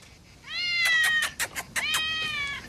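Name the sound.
cat meowing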